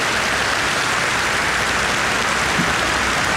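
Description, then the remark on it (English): A crowd applauds a speaker's mention of joining Reform UK and becoming its first Member of Parliament, in a steady, dense wash of clapping that holds at an even level for a few seconds, with no voices breaking through. “You can clap for that as well if you want to.”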